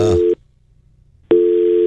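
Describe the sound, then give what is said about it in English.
A loud telephone dial tone, a steady electronic hum, sounds in a short burst, drops out for about a second, then returns and holds. No one speaks. “Yeah, I hear the dial tone in my ear.”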